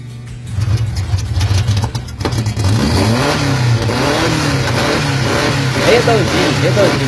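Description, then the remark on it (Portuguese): A car engine revs up loud, its deep rumble rising and falling in waves over several seconds, holding a steady throaty drone between throttle blips. “Não sei se o carro vai dar conta de carregar ele no outro dia.”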